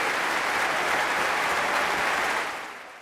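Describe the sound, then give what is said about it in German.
A concert audience in the Berliner Philharmonie in 2022 cheers violinist Christian Tetzlaff, performing with the Deutsches Symphonie-Orchester, in dense, sustained applause, a steady wash of many hands clapping at full volume that begins to fade away in the final half second. “Aber der Teil mit dem Bejubeln, tja, das hat er ja nicht so ganz in der Hand.”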